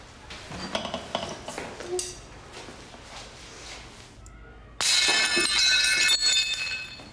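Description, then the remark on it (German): Dishes are smashed, clattering into shards in a run of sharp, bright crashes, then a sudden much louder burst of breaking and tinkling fragments that rings on to the end. “Es dürfen nicht so viele Scherben werden.”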